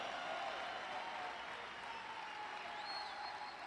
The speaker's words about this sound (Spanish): Aplauden, griten, celebran el poder de su palabra.